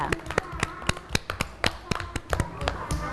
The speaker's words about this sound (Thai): เก่งมากค่ะเด็กๆปรบมือให้ตัวเองด้วยค่ะ